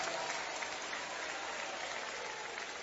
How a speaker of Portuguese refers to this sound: Un aplauso, Señor. Un aplauso al Señor.